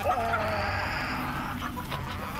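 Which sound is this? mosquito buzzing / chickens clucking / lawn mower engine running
chickens clucking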